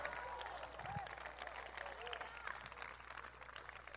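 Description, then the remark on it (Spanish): A church audience claps steadily and loudly for several seconds as applause for the Lord during a Spanish-language sermon, a dense, sustained wash of applause with a few voices calling out over it. “Denle un fuerte aplauso hacia para el Señor.”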